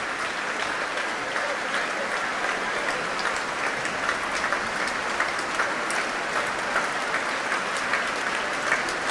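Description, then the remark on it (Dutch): Sustained applause from a large concert audience for conductor Klaus Mäkelä and the musicians of the Concertgebouw Orchestra, a dense steady wash of clapping that holds at an even level for the whole stretch, with no voices rising above it. “Een groot applaus hier nog steeds voor Klaus Mäkelä en voor de muzici van het Concertgebouworkest.”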